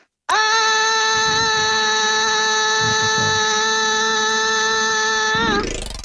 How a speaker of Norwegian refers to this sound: Bare høre ekko I trappa der også, da, hvis du kan bare ta og skrike en gang opp der.